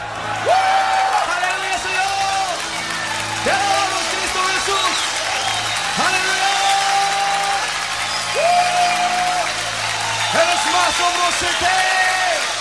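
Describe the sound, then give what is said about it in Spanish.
A large church audience shouts and cheers joyfully in praise of Jesus, with sustained whoops and raised voices overlapping continuously, loud, with scattered applause mixed in throughout. “Levantemos nuestra voz con un grito de júbilo.”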